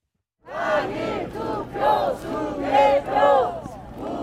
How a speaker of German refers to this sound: Ob im strömenden Regen oder wie heute in der prallen Sonne, Tag für Tag blockieren Protestierende alle Eingänge des Handballstadions im Olympiapark in Seoul. Wiederholung der Wahl und Wahlbetrug skandieren Pensionierte, junge Familien und Teenager.